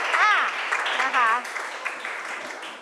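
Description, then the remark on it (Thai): An audience claps steadily for about three seconds, a dense, even patter of many hands, applauding a group after their dance performance. A couple of brief voices rise over the applause near the start. “ปรบมือด้วยค่ะนะคะ”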